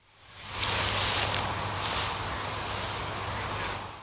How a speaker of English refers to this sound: Yep, that's a man treading on some grass.